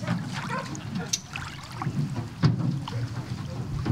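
A boat, the 'cow express' cattle ferry running from the mainland to the island of Lieps, moving across the water: a steady, low churning rumble with irregular splashes and lapping bursts, fairly loud and continuous throughout.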